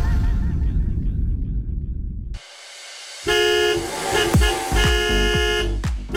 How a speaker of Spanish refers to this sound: Mis amorosos, si están escuchando el claxon de la nave del amor, es porque este jueves 14 de mayo de 12 a 1 de la tarde te voy a estar esperando en la Ruta del Amor.